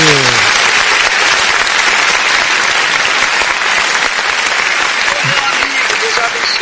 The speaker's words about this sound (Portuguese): Mais aplauso aí